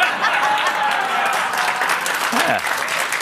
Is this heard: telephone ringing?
no